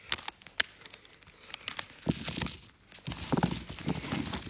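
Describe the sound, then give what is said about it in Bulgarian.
Gold coins, including coins from the reign of Jean Petit and Portuguese, Genoese and Dutch ducats, drop and clink: a few sharp, scattered metallic taps at first, then a dense rush of jingling coins in two bursts with a brief pause between. No one speaks. “Монети от царуването на Жан Пети.”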